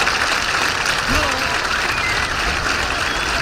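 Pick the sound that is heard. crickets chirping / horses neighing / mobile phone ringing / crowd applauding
crowd applauding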